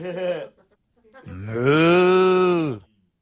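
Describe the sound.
A person imitates a cow, giving a short low vocal sound followed by a long, drawn-out moo that swells and fades over about a second and a half.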